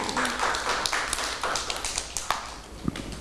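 A group of children at school claps for a classmate in a quick, uneven patter of sharp slaps, with a few louder claps standing out over about three seconds. No one speaks.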